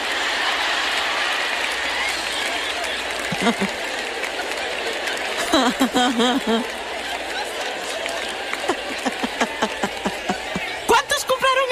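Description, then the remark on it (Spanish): An audience applauds steadily for the whole stretch, a dense wash of clapping, while voices speak over it now and then. “Sí, están aplaudiendo aquí.”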